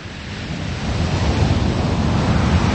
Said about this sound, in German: Da habe ich doch, ich hab mir doch jetzt ein paar Meereswellen mit ins Studio geholt